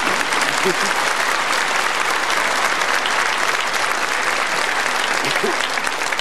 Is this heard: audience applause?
yes